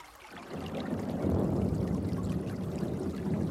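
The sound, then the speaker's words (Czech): Water pours steadily into a tub for keeping trout fresh, a continuous splashing gush that starts after a brief quiet moment and keeps flowing for several seconds with no voices. “nanosit vodu do suru, pstroužci musí zůstat čerství.”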